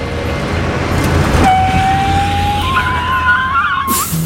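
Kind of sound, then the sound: vehicle, car driving away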